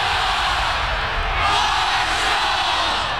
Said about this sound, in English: The Thunder Walk, the tailgates, the roar of the crowd, 30,000 strong cheering on the thundering herd, and it's almost game day.